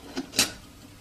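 A man making coffee sets a lid onto a kettle on a stove: a light tap followed by a louder metallic clank, ringing briefly before fading into quiet.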